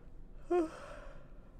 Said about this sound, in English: Sorry, pause for yawn.